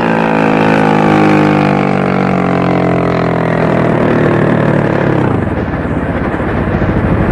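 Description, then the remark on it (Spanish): Loud motorboat engines drone steadily, their pitch sinking slowly before abruptly throttling down into a low, rough idling rumble near the end as the boats stop. No voices are heard. “Las lanchas se detienen cerca de ellos, iluminándolos con los reflectores.”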